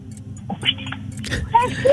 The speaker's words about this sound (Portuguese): Chave. Já está a chave.